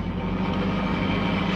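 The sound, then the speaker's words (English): A car speeding along at night, traveling too fast, with its engine droning in a steady, loud rumble, holding an even level throughout the short stretch, with no voices. “Seems to be traveling at quite a rate. Too fast, even this time of night.”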